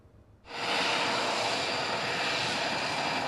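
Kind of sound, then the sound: vehicle, airplane engine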